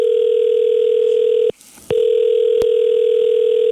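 A steady telephone dial tone hums loudly while a call is placed to a local beautician, broken by one short gap around the middle before resuming, with a faint click near the end; no one speaks.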